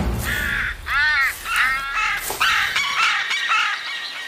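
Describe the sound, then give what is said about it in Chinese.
A run of harsh, squealing animal cries from a fight over spoils between a golden jackal and a white-tailed eagle, a clash of fangs and claws, loud, coming in quick overlapping bursts over faint rustling background noise. “这是一场尖牙和利爪之间的较量。白尾海雕似乎更占优势，但金背狐狼也不甘示弱。”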